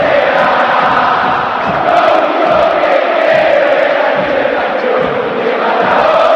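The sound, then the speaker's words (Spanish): A huge football stadium crowd at River Plate's Estadio Monumental chants and roars together in a loud, steady wall of voices that holds for the whole stretch, with no one speaking over it. “Grita la cancha de River.”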